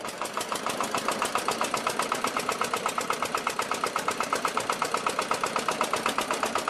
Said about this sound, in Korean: 요란한 엔진 소리와 함께 출항 준비 완료.